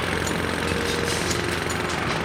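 A loud power tool roars steadily, a dense, harsh rattling din that holds constant for a couple of seconds with no voices over it.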